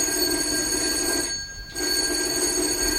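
A doorbell rings with a steady, shrill metallic buzz, breaks off for a moment partway through, then starts ringing again just as loudly. No voices are heard.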